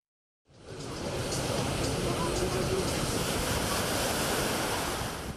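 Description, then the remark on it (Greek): Steady roar of sea surf washing onto a beach at Heraklion on a sunny Sunday with strong meltemi winds gusting across the microphone. Loud and continuous after a brief silent start, with no voices. “Οι ισχυροί άνεμοι της Κυριακής δεν κράτησαν τους λουόμενους μακριά από την θάλασσα και τις παραλίες.”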